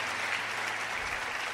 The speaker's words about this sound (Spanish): Dale un aplauso al que está cerca, al que está allá arriba en los cielos.